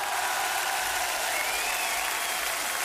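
Sustained applause from an audience as a performer is introduced, a dense steady wash of clapping that holds at an even level throughout, with no voices standing out above it.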